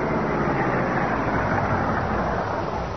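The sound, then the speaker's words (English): The Black Beauty car's engine hums steadily with a broad rumble of road noise as it rolls in and pulls up by the back of a building in a dark back alley, with no voices. “Pull close to the building and stop.”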